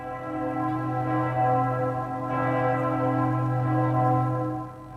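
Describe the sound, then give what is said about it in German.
The tower bells of Ulm Minster (Ulmer Münster) ring out on the full hour in a continuous, overlapping peal, their rich tones sustained and loud throughout, with strikes blending into a steady resonant wash and no voices present. “Stellt euch mal vor, ihr seid ganz hoch oben im Turm und hört dann die Glocken läuten. Pünktlich zur vollen Stunde.”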